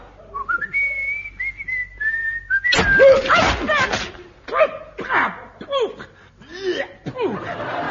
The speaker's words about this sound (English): Now stand on one leg. Stand on one leg and whistle.